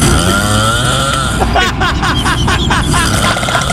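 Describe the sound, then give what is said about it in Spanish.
Loud, rough snoring that rumbles and rattles like a chainsaw sputtering to life, starting as a steady drone and breaking into rapid, regular raspy pulses, continuous. “No mal, está roncando, se le metió el diablo.”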